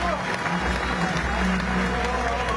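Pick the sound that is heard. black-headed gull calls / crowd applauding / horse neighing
crowd applauding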